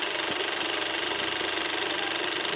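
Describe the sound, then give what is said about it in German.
A heavy IMAX film camera (such cameras can weigh over 130 kg) runs with a loud, steady mechanical whirring and a fast, even clatter of its moving parts. No one speaks. “Wir können ja jetzt hier mal kurz was einblenden, wie die eigentlich wirklich klingt.”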